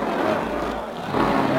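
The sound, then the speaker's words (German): A supercharged racing car engine roars steadily, a dense, continuous drone that swells slightly louder toward the end as it speeds around the Avus race track in Berlin. “Ach, wie der Wind rast er dahin. Jetzt hat er den Kompressor drin.”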